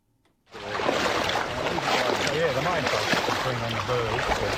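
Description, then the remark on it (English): Steady sloshing and swishing of legs in waders trudging through knee-high water in a wetland outside Rushworth in northern Victoria in springtime, starting abruptly and continuing loudly throughout, with faint voice-like tones murmuring beneath the splashing. “With my waders on, I'm trudging through knee-high water in this wetland outside Rushworth in northern Victoria.”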